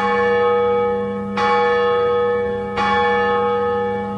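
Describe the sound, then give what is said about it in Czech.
A large cast church bell of hard bell metal rings out loud, struck three times at a steady pace, each stroke blooming into a rich, humming tone that sustains and overlaps the next. No voices. “No a kdyby se ozýval ten tón zvonu, dejme tomu C, no tak je to fiasko.”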